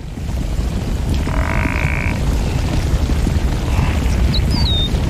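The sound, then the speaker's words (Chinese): A herd of African buffalo turning back to rescue a calf, grunting in a loud, continuous low rumble, with a short higher bleat midway and a brief bird chirp near the end. “和往常一样，整群非洲水牛折返回来营救幼崽。”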